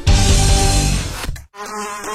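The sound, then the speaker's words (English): A fly buzzes loudly with a steady droning hum, cuts out for a split second, then returns a little fainter as it moves around. “Oh, where did you come from? Buzz off! If your fly screen or screen door is no longer doing the job”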